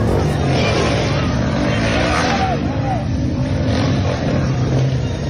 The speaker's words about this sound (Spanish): Y es que hay motocicletas que de verdad suenan más de lo que avanzan. Pues resulta que un par de vecinos se pusieron de acuerdo en contra de estos motociclistas ruidosos y los apedrearon por el ruido que hacían sus motos.